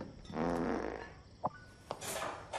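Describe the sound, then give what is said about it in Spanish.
A drawn-out, buzzy fart lasts close to a second, fairly loud, followed by a few sharp little knocks. “¿Sabes por qué Dios hizo que los pedos olieran?”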